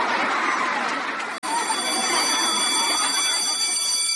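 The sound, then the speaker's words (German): A school bell rings steadily with a bright, sustained metallic tone over a busy murmur of many children's voices chattering in the background. “Der Schulglock klingelt.”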